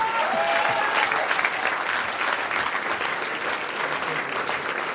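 An audience claps steadily for about five seconds, a dense, even wash of applause at a consistent loudness with a faint tonal voice-like trace early on but no clear speech.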